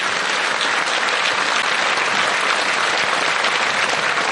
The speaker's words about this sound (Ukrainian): Ці оплески для вас. Дякуємо.